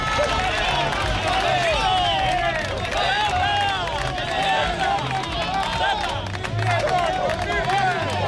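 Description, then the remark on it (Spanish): A dense crowd of workers shouts and jeers nonstop, many raised voices overlapping, with scattered ironic clapping mixed into the loud, steady din, aimed at fellow workers voting under heavy police protection. “Han logrado hacer la votación protegidos por un importante despliegue policial y entre los gritos y aplausos irónicos de sus compañeros.”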